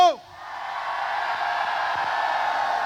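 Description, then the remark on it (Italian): A large audience at a live Radio Studio Più event in Carmiano lets out a loud, sustained roar of shouting and cheering together on cue, holding steady for a few seconds after a brief voice at the very start. “Dato che ci sentono, possiamo farle l'urlo?”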